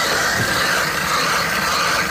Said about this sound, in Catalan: La barrina que esteu sentint està foradant la capa de gel que cobreix el llac, un gruix d'entre 2 i 3 metres. Ja tenen el forat fet.